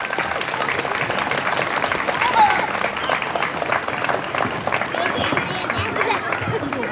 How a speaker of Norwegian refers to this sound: Men jeg bare en skarve rektor, jeg kan ikke åpne noen skolegård eller klippe noen snor, derfor så må alle sammen gi en varm applaus til ordfører Jan Morten.